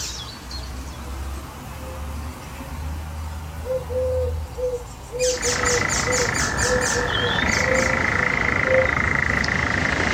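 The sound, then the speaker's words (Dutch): In a garden in Estrum, Friesland, an icterine warbler, a varying and imitating bird, sings a fast, varied run of high, chattering and whistled notes, starting midway after several soft, low hooting tones over a steady background hum. “Een briljant variërende en imiterende vogel. Die zelfs een perfect bad-eendje in huis heeft. De spotvogel.”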